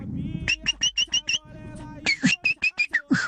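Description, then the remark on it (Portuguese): A sabiá thrush sings clear, bright whistled notes in two quick rhythmic runs of about six notes each, loud over a low background rumble. “Que é isso? Sabiá? É, acredito que sim, né?”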